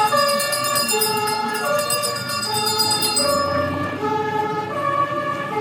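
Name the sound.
vintage fire engine siren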